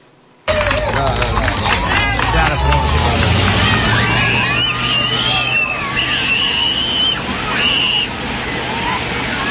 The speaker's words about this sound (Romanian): Cu ajutorul unei autospeciale de intervenție, pompierii au creat perdele de apă menite să le ofere copiilor un strop de răcoare și un plus de confort în timp ce se bucură de joacă, în ciuda caniculei.